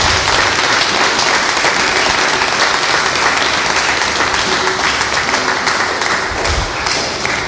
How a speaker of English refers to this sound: One more hearty round of applause for our Mother of the Year.